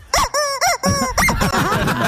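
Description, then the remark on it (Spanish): A squeaky toy chick squeezed several times: three short bright squeaks, then a longer run of warbling, wavering high-pitched squeals, loud and with no talking. “A sonar el pollito, jefe.”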